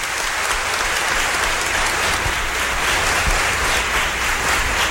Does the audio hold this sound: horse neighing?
no